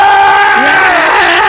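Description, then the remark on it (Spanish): A loud, drawn-out scream rings out from a dungeon, holding a strained, wavering pitch for over a second with no talking around it. “Desde la mazmorra se escucha el grito.”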